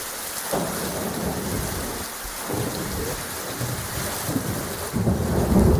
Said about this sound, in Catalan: Ho escolten, la pluja, els llamps i els trons han estat els protagonistes d'un vespre i d'una nit molt complicada al territori català amb motiu del temporal que ha sacsejat Catalunya, sobretot al litoral i prelitoral central.